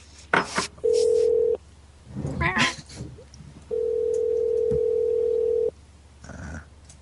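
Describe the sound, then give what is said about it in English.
A steady, humming telephone tone sounds twice as a call is placed, first briefly and then for about two seconds, with a few short rustling bursts and faint background noise in between. “You called me just a minute ago.”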